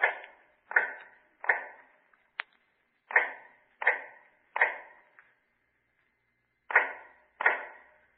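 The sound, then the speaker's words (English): Steady hammering of an old man making shoes in the dark in cell number 105 of the North Tower: about nine sharp blows at an even, unhurried pace, each ringing off briefly, with a lighter tick and a pause before the last two strokes. “The sound of an old man making shoes in the dark.”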